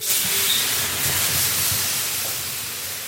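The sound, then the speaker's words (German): A large ladle of water poured onto hot stones in a black-walled sauna bursts into a loud, steady hiss of steam that fills the whole clip and fades only slightly toward the end, with faint low crackles beneath. “gießt eine große Kelle Wasser über die heißen Steine.”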